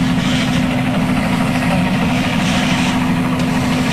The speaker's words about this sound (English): Obviously, it's a news helicopter overhead.